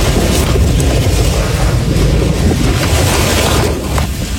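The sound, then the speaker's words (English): A tornado's roar, like a freight train: a loud, unbroken low rumble with a broad hiss of wind layered over it, holding steady with no voices. “It sounds like a freight train, and that kind of sounds like a freight train.”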